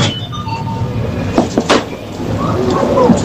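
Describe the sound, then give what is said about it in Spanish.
A coin-operated vending machine for food and soft drinks gives a few sharp mechanical clicks as a product is selected, followed by the light, tinkling clatter of coins dropping, all over a steady low background rumble. “Una máquina de dispensar, sí, alimentos, refrescos, de vending.”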